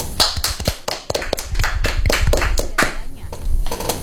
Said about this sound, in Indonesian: Teman-teman, mana tepuk tangannya?